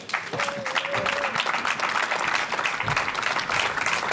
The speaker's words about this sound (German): Und deshalb biete ich um einen kräftigen Applaus für mehr Leadership.